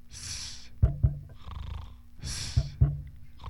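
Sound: heartbeat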